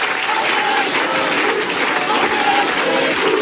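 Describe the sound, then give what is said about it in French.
A large crowd chants the slogan "On est chez nous" in unison, voices rising over steady applause and cheering, loud and continuous throughout. “Ce que vous distinguez là dans la foule, c'est le cri « On est chez nous », un cri qu'on entend d'habitude du côté du RN, voire même du Front National d'avant.”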